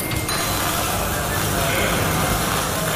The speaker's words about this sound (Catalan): Aquest és el so que se sent quan es desmunta un tren de Rodalies. Se li treuen les portes i els seients, es reparen els diferents elements que formen els vagons i es torna a col·locar tot en el seu lloc.